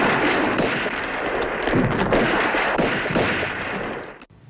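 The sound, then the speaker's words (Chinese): A loud, continuous battle barrage of gunfire from the classic film Nanchang Uprising, depicting the Nanchang Uprising, with rapid overlapping shots and blasts forming a dense roar that cuts off abruptly just before the end. No one speaks. “南昌起义的枪声可谓石破天惊，打响了武装反抗国民党反动派的第一枪，从此开启了中国共产党创建人民军队、独立领导人民革命战争的新篇章。”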